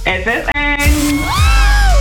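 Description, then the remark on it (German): Several excited voices shriek with rising, wavering pitch, loud, blending into a continuous burst of gleeful screaming near the end. “der lauteste Schrei eures Lebens. Mit dem Heidepark Resort. Freudenschreie inklusive.”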